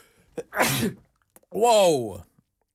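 sneeze

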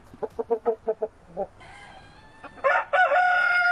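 rooster crowing

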